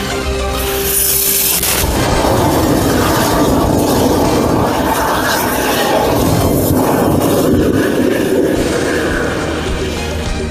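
A punctured lithium battery pack of several cells connected in series explodes with a sudden loud burst about two seconds in, as heat is released and the casing swells, then a harsh, roaring rush of venting and crackling that stays loud until the end.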